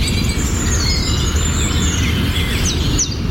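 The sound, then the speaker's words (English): Bird chirping sound effects: birds chirp and tweet in quick, high-pitched bursts, layered over a constant loud low rumble like wind or traffic. No one speaks. “So instead of hearing people chatting to each other, you'd just be hearing bird sound effects.”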